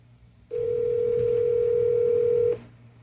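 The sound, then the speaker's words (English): A single ringback tone on an outgoing call dialed from a rotary phone: one steady, clear electronic hum lasting about two seconds, heard through the line over a faint background murmur, with no one speaking. “There's the first ring on the $10,000 cash call.”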